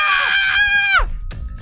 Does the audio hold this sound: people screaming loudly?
yes